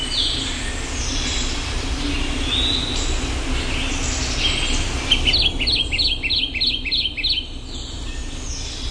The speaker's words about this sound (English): Let's listen to one more. The Kentucky Warbler.